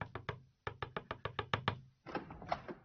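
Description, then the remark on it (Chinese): Loud pounding on a door: a few quick knocks, a short pause, then a rapid run of about eight heavy bangs before a final burst of frantic, overlapping hammering. “1个钟头以后，正当他鼾声正聋的时候，被一阵猛烈的敲门声弄醒了。”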